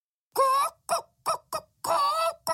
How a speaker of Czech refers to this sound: Chtěla si stěžovat žalobnice. Místo toho jen kdákala a překvapeně poulila oči. Od toho dne, kdykoliv se Kamilka pokoušela žalovat, ozvalo se jen ko, ko, ko.